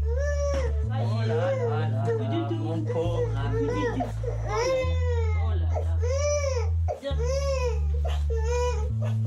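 A baby cries steadily and loudly in repeated wailing bursts that rise and fall, over a constant low droning hum in the background.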